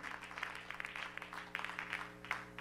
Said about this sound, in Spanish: Dale una ofrenda de palmas al Espíritu Santo. Dígale que Él es bello, que Él es bueno, bendito Jesús.